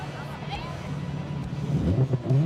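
A cafe-racer-style electric motorcycle with an active sound system and strong acceleration hums steadily, its synthetic engine tone rising and growing louder as it accelerates over a couple of seconds.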